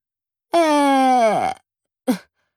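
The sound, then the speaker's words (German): A voice imitates the loud snore of a little man lying in bed, snoring so hard the pictures on the walls shake: one long, rumbling, groaning inhale that sinks in pitch, then after a short pause a brief snort, loud with no talking. “Sekunden später schnarcht er, dass die Bilder an den Wänden wackeln.”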